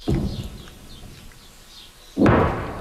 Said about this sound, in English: Those distant explosions echo across the south as Israeli troops push deeper into the country to target Hezbollah strongholds.